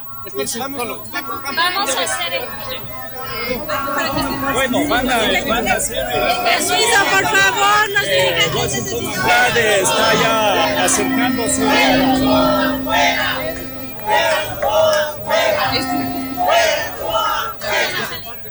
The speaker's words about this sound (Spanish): Aquí podemos ver decenas de personas que se congregaron acá en los exteriores del Consejo Nacional Electoral y que al grito de fuera, no va afuera, ingresaron y apoyan esta solicitud de revocatoria de mandato contra Noboa y contra María José Pinto.